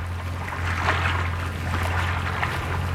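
Steady wash of water of the River Thames in London lapping and splashing, a broad continuous rush with soft irregular surges, set against a constant low hum; no voices.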